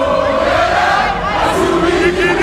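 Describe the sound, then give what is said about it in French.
At the final whistle of a match against Uzbekistan, a dense crowd of Congolese football supporters roars and chants in the stadium in Atlanta, some dancing in a circle: a loud, unbroken wall of voices with sustained, wavering sung notes rising above the din. “Coup de sifflet final, certains couloirs du stade sont bloqués, des supporters congolais qui dansent en cercle.”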